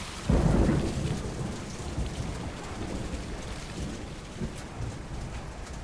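A loud thunderclap rumbles near the start and slowly fades, while heavy rain pours down steadily throughout in a worsening storm over a market, dense, with no voices.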